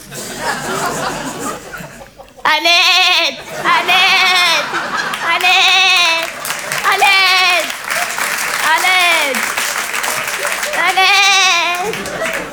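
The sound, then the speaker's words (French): A person imitates an Eid sheep, letting out five or six loud, wavering bleats in a row, each drawn out with a quavering tremble, over a noisy, crowd-like background. “Et je fais très bien le mime des animaux. Mon préféré, c'est le mouton de l'Aïd.”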